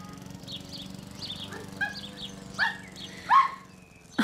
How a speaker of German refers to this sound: Hm, ganz schön lebhaft. Wie halten Sie denn das aus mit dem Hund? Gar nicht.